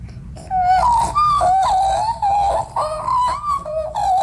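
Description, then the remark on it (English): A voice imitates an Australian magpie's call: a continuous, loud warbling melody of gliding, flute-like notes rising and falling for about three and a half seconds, with no talking. “Do you think we could get a bit of a magpie call?”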